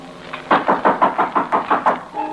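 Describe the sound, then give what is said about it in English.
A quick, evenly paced run of about eight firm, loud knocks on a door, with a low steady hum underneath before and after. “Someone's at the door.”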